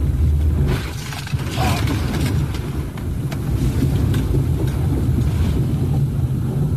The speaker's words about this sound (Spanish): Lo que podemos ver es cómo el agua va llevándolo con su camioneta de color blanco, solamente para reiterar cómo la fuerza con la que bajó el agua en esa zona.